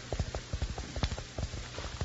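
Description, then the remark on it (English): Rapid, rhythmic thuds of a galloping horse's hooves, heard with an ear close to the ground during a chase, steady and regular, with a soft background hiss. “My ear close to the ground, I can hear his horse running.”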